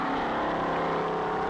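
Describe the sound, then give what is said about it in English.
The engine of race car 138C roars loudly and steadily as it takes off and fishtails on a dry lake bed course, a dense buzzing drone with a strong, constant pitch that holds for the whole moment without voices. “The car fishtailed at the takeoff.”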